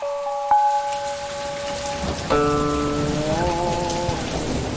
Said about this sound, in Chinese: 哎，不好意思，老板，我听外面雨声有点大，咱们备采先暂停。